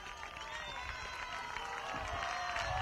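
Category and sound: crowd, neighbours applauding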